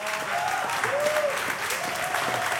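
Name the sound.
audience applause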